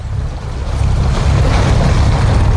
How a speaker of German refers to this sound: Das Meer rauscht, denn wir sind auf Lampedusa unterwegs auf einem Patrouillenboot der italienischen Küstenwache.